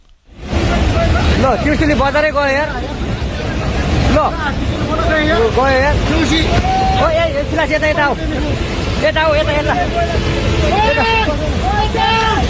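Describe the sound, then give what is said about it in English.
A steady, heavy roar of flash floodwater surging through a town in Nepal and sweeping away a bridge, recorded on a smartphone, runs throughout, while many people shout and cry out in high, strained, panicked voices. The flood is thought to have been sparked by a glacier collapse in the Himalayas. “The sound of panic recorded on that smartphone as water is surging through a town, sweeping away a bridge.”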